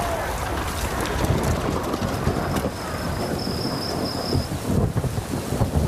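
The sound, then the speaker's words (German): Heavy rain pours down over Darjeeling, a town on a steep ridge, in a steady, dense hiss, with low rumbling like thunder underneath and a faint high whine drifting through the middle. “Dicker Regen hängt wie ein grauer Vorhang über Darjeeling.”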